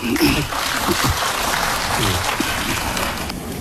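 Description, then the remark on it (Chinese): An audience claps steadily for several seconds, a dense, even patter of many hands, with faint voices mixed in underneath, applauding to see a demonstration of the kung fu move 'striking the ox across the mountain'. “哦， 有愿意看的可以鼓掌啊。”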